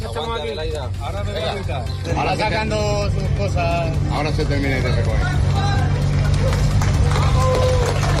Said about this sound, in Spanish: Aplausos al personal de la UME desplazado al país latinoamericano después de recuperarlo.